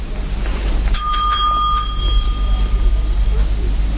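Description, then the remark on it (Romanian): A small handbell is shaken to call for Fellows, a servant, in a quick burst of several bright strikes, its clear metallic ring lingering and fading over a low background rumble. “Te rog, sună clopoțelul.”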